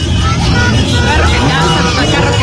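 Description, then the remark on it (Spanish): Steady, loud street traffic with a car rumbling past, engine and road noise filling the scene, while a murmur of voices carries on faintly in the background. “Ay, ay, ay, carro que pasa, carro que le mueven.”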